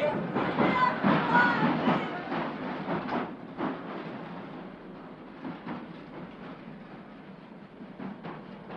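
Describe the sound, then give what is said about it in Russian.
A train clatters over the exit rail switches with a steady, rhythmic clacking and rumbling, curving in an arc; loud at first, then gradually fading as it moves away. “Поезд дрогнул на выходных стрелках, изогнулся дугой”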